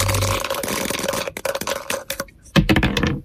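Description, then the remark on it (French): A pair of dice is thrown in a game, clattering across a hard surface in a quick burst of sharp clicks and knocks, tumbling and settling with a final louder rattle near the end; the dice show a total of 8. “Je vais vous donner deux dés”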